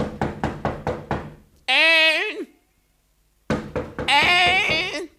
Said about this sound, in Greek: Τι διστάζω. Θα χτυπήσω την πόρτα.